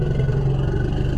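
An elephant's threat call, made when threatened by a predator: a steady, loud, low rumble with a rapid pulsing rhythm, much like a motorcycle engine idling, sustained throughout with no voices.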